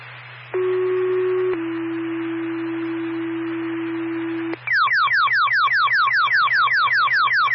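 Fire dispatch pager alert tones for West Windsor: a brief high tone steps down into a long, steady lower tone, then a rapid train of repeating downward-sweeping chirps, loud and clear over faint radio hum.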